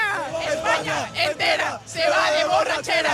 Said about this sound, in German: Die Stimmung im Stadion in East Rutherford gestern Abend.